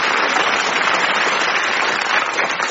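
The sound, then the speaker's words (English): Steady, dense applause from a comedy show audience for the comedians, a loud continuous wash of clapping hands that holds at an even level throughout with no voices on top. “That's it, and give them a round of applause, please,”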